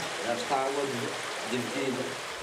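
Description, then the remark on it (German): Water rushes steadily through four irrigation channel openings after a metal sheet is pulled out to divide the water, a constant full-bodied flow, while a man's voice speaks briefly over it. “Ich ziehe dieses Blech heraus und fertig. Das Wasser ist aufgeteilt.”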